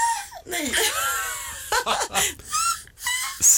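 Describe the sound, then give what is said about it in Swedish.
A person imitates a black-headed gull's call: a string of loud, harsh, high-pitched squawks that swoop up and down in short bursts, with no words spoken. “Skrattmås. Alltså det finns förbättringspotential på den där.”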